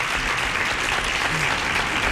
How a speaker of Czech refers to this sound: Ano, tleskám vám.